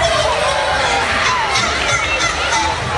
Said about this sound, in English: Oh, they're booing a lot. Boo the eagle.